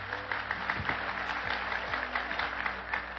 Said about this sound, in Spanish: ¿Quién vive? Dale fuerte aplauso al Señor Jesucristo.